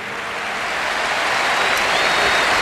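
A stadium crowd of Barça fans gives a sustained ovation for coach Hansi Flick, dense clapping and roaring merged into a steady wash of sound that swells slightly louder over a few seconds, with no voices standing out.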